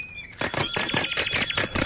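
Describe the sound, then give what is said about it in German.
A bell rings loudly in a rapid, continuous clatter of metallic strikes that starts abruptly after a brief quiet moment and keeps going with no pause. “Oh, Manfred, hör auf zu klingeln!”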